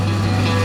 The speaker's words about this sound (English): Concrete mixing.